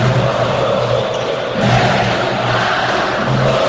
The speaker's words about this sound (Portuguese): É a torcida do Pato, que vai à loucura aqui na Arena Cláudio Petricoski. Incentivando, vibrando junto.